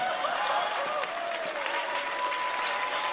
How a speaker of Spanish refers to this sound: Y todos los que están aplaudiendo son medio hipócritas.